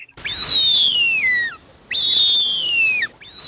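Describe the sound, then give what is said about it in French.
A bearded vulture, a raptor of the Pyrenees nicknamed the bone breaker, gives a high, thin whistled call, repeated as drawn-out notes that slide slowly downward, each lasting over a second, with short pauses between. Two full calls sound alone, and a third begins. “C'est un rapace des Pyrénées, pour vous aider. Ça peut être l'aigle. On le surnomme le casseur d'os.”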